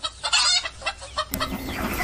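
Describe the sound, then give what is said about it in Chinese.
A hen clucks in quick, agitated bursts, fairly loud, with scuffling and rustling noises that grow busier toward the end as the hen flees about trying to escape being caught for the kitchen cleaver. “母鸡四处逃窜，终难躲菜刀。”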